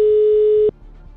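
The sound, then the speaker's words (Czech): A steady, loud ringback tone on an outgoing phone call, just dialed, sounds once, holding for under a second before cutting off into faint, low line noise. “Tak, vytočeno. Jsem si dal ten telefon dneska bokem, jsem nevěděl na to číslo pořádně. Ale snad zvoníme správně.”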